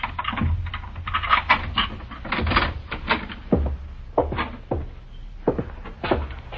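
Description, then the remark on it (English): Rattling and scraping, then a run of sharp clicks as an extra set of keys works the lock of a house door, followed by the clunk and creak of the door being opened, with no one speaking. “Now, I'd appreciate your opening the door with that extra set of keys you have”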